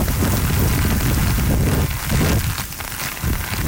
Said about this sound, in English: Typhoon Bavi is churning inland. It's bringing heavy rains and wind gusts exceeding 140 kilometers per hour.